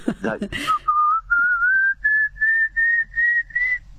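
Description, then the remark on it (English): A person whistles an imitation of a pallid cuckoo call: a loud series of about seven sustained notes, each stepping slightly higher in pitch, after a brief moment of voice. “And it's got an upward ascending, very loud call. Sounds like sort of someone whistling a dog. I'll try and do it if you like.”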